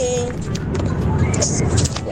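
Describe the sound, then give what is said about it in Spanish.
Steady low rumble of a car cabin while driving on the way to Paputo, a constant engine and road drone filling the short stretch, with indistinct voices murmuring faintly over it. “Fui acompañada de una amiga, Villa Alemana, y aquí vamos camino a Paputo.”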